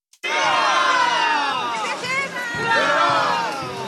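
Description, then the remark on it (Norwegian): A large crowd at the Norwegian National Day (17 May) parade in Waterloo, Belgium fills the air with overlapping shouts, cheers and excited chatter, loud and continuous from start to finish, with many high-pitched children's voices mixed into the festive din. “Belgia har til enhver tid en solid kontingent nordmenn på plass, og mange av dem deltok i 17. mai-toget i Waterloo.”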